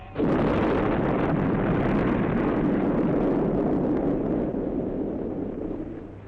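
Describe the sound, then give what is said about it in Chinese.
A dynamite blast, set off to bury a man 30 meters under the earth, erupts suddenly and loudly, then a heavy, roaring rumble of debris and echo rolls on for several seconds, slowly fading. No voices are heard. “有人看见一个孩子在放羊，这孩子听到一声爆炸，罗梦诺用炸药把李佐埋在30公尺下面。”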